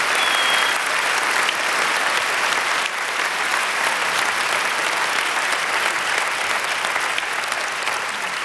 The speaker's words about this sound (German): Bitte noch mal einen großen Applaus für unser wunderbares Orchester, das Saarländische Staatsorchester unter Wolfgang Emanuel Schmidt.